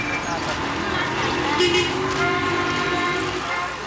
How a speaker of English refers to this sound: You're stuck in gridlock right now. How big of a problem is traffic in Toronto? It's a huge problem.